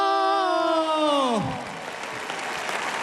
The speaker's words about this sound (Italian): Allora, qualcuno applaude in maniera molto convinta, qualcuno fischia.